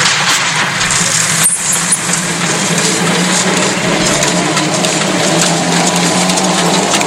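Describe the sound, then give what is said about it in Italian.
An old threshing machine runs steadily, its belt whirring under a low droning hum while the hammers in the cylinder keep up a dense, even clatter, with one sharper knock early on. No voices. “La cinghia che gira, che parte, esatto, i martelletti che battono, esatto. Nel cilindro.”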